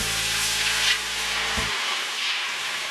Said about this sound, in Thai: กระทะทองเหลืองตั้งเทเอาน้ำเปล่าลงใส